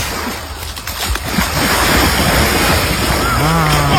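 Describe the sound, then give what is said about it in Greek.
Steady sea surf and wind roar along a shoreline, with a brief splashy burst early on as a person dives into the sea, then a voice calls out near the end over the crashing water. “Έχω έρθει εδώ στη θάλασσα και θα με δείτε να κάνω βουτιά.”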